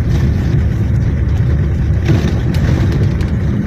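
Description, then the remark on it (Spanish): A car drives along a rough, dusty, unpaved street in La Troncal, with no paving stones or asphalt, raising clouds of dust; its engine and tires produce a loud, steady low rumble with occasional gritty crackles. The noise is unbroken throughout. “Ni se ve el carro que va adelante, ni se lo ve.”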